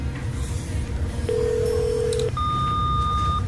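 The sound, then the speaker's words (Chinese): Telephone line tones while calling someone and waiting for them to answer: a steady mid-pitched beep lasting about a second, then a higher-pitched electronic tone of similar length, both clear over a low, rumbling background hum, with no one speaking. “哦，快点接电话啊！”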